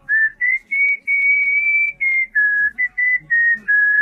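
A child whistles a smooth, steady melody of sustained notes with brief pauses between phrases, clear, with no talking.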